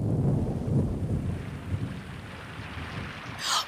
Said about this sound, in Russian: Ой, гроза! Гроза! Пошли быстрей!